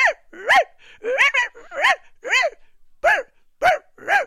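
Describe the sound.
A person yaps like a small dog, a quick series of about eight high, sharp barks in an uneven rhythm, fairly loud with nothing else behind them.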